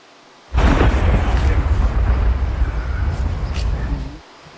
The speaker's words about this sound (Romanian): a fost nevoie de o explozie controlată pentru înlăturarea pericolului